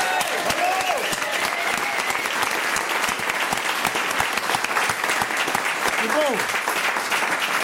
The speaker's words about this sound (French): Je propose qu'on leur fasse un tonnerre d'applaudissements.